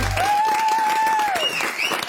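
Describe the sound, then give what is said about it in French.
A live audience applauds steadily, a dense crackle of many hands clapping at once, with a long shrill whistle rising above it near the start and brief cheering underneath. “On les applaudit très fort, merci.”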